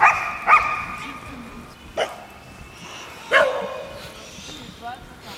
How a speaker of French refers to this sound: J'ai envie d'interviewer les chiens, parce qu'ils ont l'air de s'exprimer. Ils ont envie de parler.